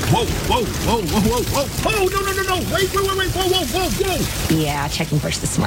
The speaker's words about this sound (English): Some people just know they could save hundreds on car insurance by checking Allstate first. Like you know to check your sunroof is closed first before driving through the car wash.